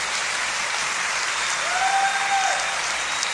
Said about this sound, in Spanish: Si lo crees, dale un aplauso al Señor por eso.